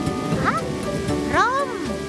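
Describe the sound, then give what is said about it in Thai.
Steady rain falls throughout, a constant hiss, while voice-like swooping calls rise and fall over it twice. “แบบโบหลบฝนหลบฝน ไม่เป็นไรฉันมีร่ม”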